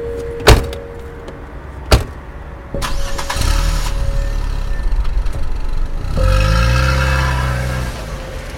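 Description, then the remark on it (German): Two solid car doors thunk shut a moment apart, then an engine cranks, catches and settles into a steady idle before revving up. No voices. “wartete ich vor der Türe, bis Krenninger herauskam und ging dann mit ihm zu seinem Wagen”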